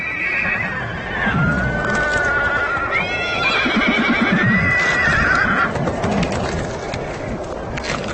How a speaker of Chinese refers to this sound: 这条结冰的小溪在小马群中引起骚动，他们必须从这里通过。问题是谁先过？